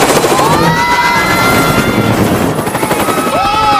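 A helicopter roars with rapid rotor chopping and a harsh mechanical rattle, while whining engine tones rise and fall as it lurches unsteadily, losing altitude and spinning out of control after a rod at the base of the main rotor shaft is dislodged, its propellers cutting through treetops.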